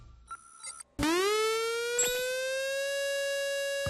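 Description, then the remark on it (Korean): A civil defense air raid warning siren, not a fire alarm, meant to alert the public to an expected or ongoing attack by enemy aircraft or missiles, starts abruptly, its pitch sweeping upward and then holding a loud, steady, harmonic-rich wail. A couple of brief faint tones come before it starts. “이 소리는 화재경보기가 아니라 민방공경보입니다.”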